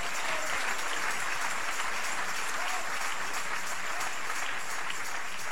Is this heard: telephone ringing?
no